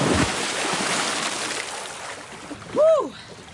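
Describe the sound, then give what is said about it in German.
A loud rush of splashing water as someone cools off in a lake, the water at 16 degrees, in the rain; it slowly settles, followed near the end by a short, high rising-and-falling yelp from a person. “Und dann kommt das, was einfach dazugehört. Die Abkühlung im See.”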